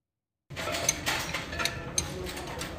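Wrenches and spare parts clink and rattle in a workshop in Deir ez-Zor as a mechanic repairs a government car long out of service, with irregular sharp clanks and scraping over a steady low mechanical rumble, starting abruptly after a brief silence.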